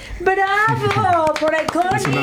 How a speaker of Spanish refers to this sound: ¡Bravo por Iconic! Es un aplauso por todas las Iconic. ¡Bravo por todas las sucursales de sí, Iconic!